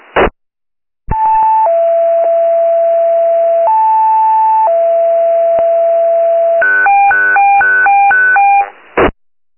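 Loud electronic radio dispatch alert tones: long steady pitched tones stepping between notes, then a rapid series of short alternating beeps, with brief bursts at the start and end and no talking.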